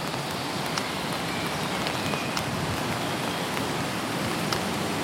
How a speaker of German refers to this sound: Der Regen stört uns dabei nicht.